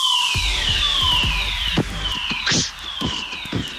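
A loud fire alarm during a fire drill behind the scenes wails with repeated high, falling electronic sweeps, while scattered knocks and footstep-like thumps sound underneath.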